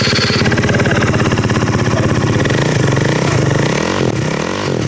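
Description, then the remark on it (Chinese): A motorcycle with a loud modified, non-original exhaust roars, revving hard with a rapid, throbbing idle, then surging in a couple of swelling throttle blips toward the end. The motorcycle has a curled, bent number plate and added spotlights, and traffic police are inspecting it at a motorcycle shop where it was left for repair. “这辆摩托车不仅号牌卷翘弯折，还加装了射灯，改装了排气，启动油门后发出巨大的轰鸣声。”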